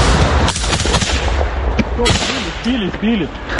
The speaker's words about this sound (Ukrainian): У цей час у небі лунає знайоме дзижчання. Неподалік FPV-дрон. Хлопці відкривають вогонь.